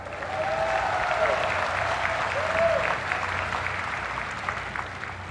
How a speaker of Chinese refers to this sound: 我要邀请所有国人同胞再次用热烈的掌声为自己喝彩。